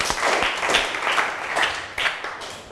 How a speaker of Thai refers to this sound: ขอเสียงปรบมือให้เจ้าของคลิปสาระดีน่ารู้ในวันนี้หน่อยค่ะ